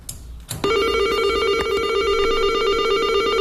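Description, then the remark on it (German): An intercom door buzzer at the entrance of a multi-storey apartment building beside a construction site lets out a loud, steady electric buzz to open the door to the stairwell. It starts abruptly after a couple of soft clicks and holds unbroken for about three seconds, with no one speaking. “Nach einer Zeit surrt es und ich komme ins Stegenhaus.”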